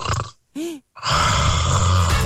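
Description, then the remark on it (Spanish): Someone loudly imitates snoring: a short raspy snort, a brief voiced groan, then a long, rattling, throaty snore that fills the rest. Loud, with no words. “Ahí lo están mandando los ronquidos.”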